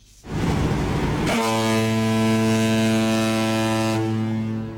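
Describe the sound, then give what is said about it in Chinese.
A 5,000-ton cargo ship's deep horn blares in one long, loud, sustained blast as it sets off on the newly opened Pinglu Canal in Guangxi, China, preceded by a second of rushing water and engine noise, with no voices present. “随着5000吨级货船鸣笛起航，一艘艘货轮沿着134.2公里的新航道”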